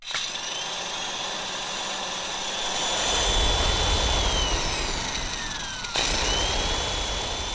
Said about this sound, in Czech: Mixér.